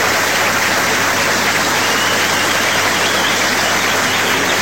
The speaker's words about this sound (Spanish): Un aplauso para todos los que lo hacen posible.